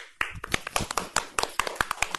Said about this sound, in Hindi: बहुत अच्छी कविता सुनाई आपने, इनके लिए भी ताली हो जाए बच्चों।